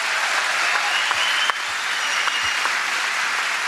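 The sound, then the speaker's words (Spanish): An audience claps steadily in a dense, continuous wash of applause, loud and sustained throughout with a few sharper individual claps standing out, and no speech over it. “Un aplauso más sentido, vamos.”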